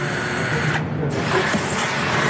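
Loud, steady mechanical whirring fills the whole clip, like power drills and vacuum cleaners running as an artwork is unveiled, escorted and moved, with a brief dip in the higher hiss partway through. No one speaks.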